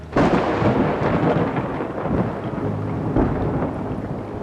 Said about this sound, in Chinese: 记得把伞拿上。 好， 下雨了。